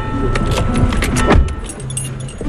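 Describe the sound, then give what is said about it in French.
Someone gets into the front seat of a car: keys jangle and clothing rustles, a heavy thump lands about midway, then a low steady hum settles in. “On prend ta voiture, Maïlis, alors je monte devant, d'accord?”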